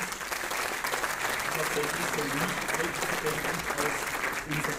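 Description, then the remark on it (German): Steady, dense audience applause fills the whole stretch with even, crackling claps and no pauses, holding roughly constant loudness throughout. “Sie dürfen gerne klatschen.”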